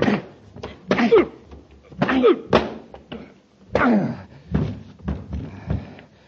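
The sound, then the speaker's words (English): A scuffling fight: several heavy punches land as dull thuds among strained grunts as the Commander knocks Grayson cold, ending in a body thumping to the floor, all within a few seconds. “Hey, Commander, you knocked Grayson cold.”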